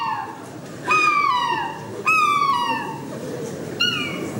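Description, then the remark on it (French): A person imitates a happy seagull, letting out three loud, bright squealing cries that slide downward in pitch, spaced about a second apart over steady background murmur. “C'est goéland heureux, ça.”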